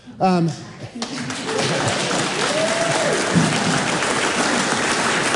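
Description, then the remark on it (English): A brief voice at the start gives way to a crowd cheering and applauding after a Labor Party speaker declares being a socialist, a dense, steady roar of claps with a rising-falling whoop heard midway, sustained to the end. “Because, you know, I was surprised to get a cheer, because I actually didn't think I was saying anything particularly outrageous for a Labor Party member.”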